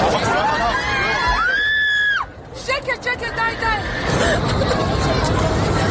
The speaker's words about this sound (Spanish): Son los gritos del pasaje de un avión que volaba ayer de los Emiratos Árabes a Israel y en el que el segundo piloto apuñaló al primero e intentó sin éxito estrellar el avión con 174 pasajeros a bordo, la mayoría israelíes.